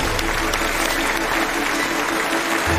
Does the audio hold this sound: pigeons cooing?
no